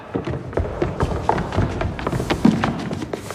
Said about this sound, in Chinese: 喂。你在干嘛呢？ 喇叭突然没声音了。 喇叭不响，你拍话筒干嘛？赶紧排查。